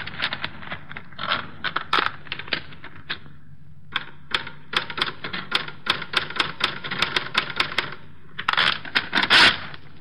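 Rapid mechanical typewriter keystrokes clatter in uneven bursts, sharp clicks with a few pauses and brief flurries, fairly loud against a low background hum. No one speaks.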